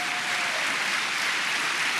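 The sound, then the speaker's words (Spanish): An audience claps steadily, giving a round of applause to the Lord during a sermon: a dense wash of many hands applauding together at an even, sustained level with no voices rising above it. “Vamos, dé un aplauso al Señor por eso.”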